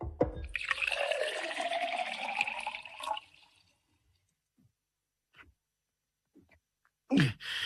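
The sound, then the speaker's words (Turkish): Water is poured steadily into a drinking glass, served for someone to drink, for about three seconds, its gurgling pitch rising as it fills, followed by a few faint clinks and a brief louder sound near the end. “Buyurun, buyurun bir bardak su için.”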